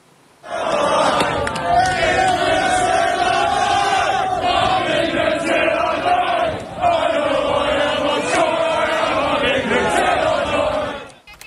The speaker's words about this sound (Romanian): Echipați cu hanorace și cagule negre, oamenii și-au strigat nemulțumirea față de migranții ilegali. Ei au blocat toate rutele de intrare și ieșire din portul Dover, dar și din jurul orașului pe o distanță de peste 6 km.